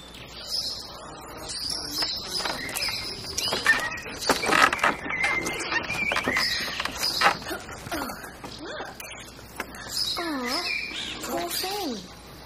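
An injured dog lets out short, high-pitched whines and whimpers, a few rising and falling cries, amid scattered clattering and rustling noises.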